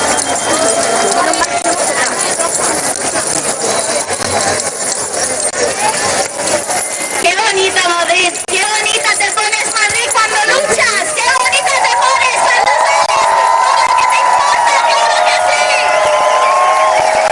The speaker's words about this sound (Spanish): Ruido de llaves en Madrid, ruido de llaves en la Puerta del Sol.